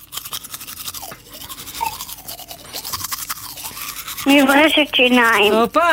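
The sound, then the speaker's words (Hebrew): Rapid scrubbing of a toothbrush, played as an item in a sound-guessing game, with quick bristly strokes in a steady back-and-forth rhythm for several seconds, then a loud voice rising over it near the end. “מברשת שיניים.”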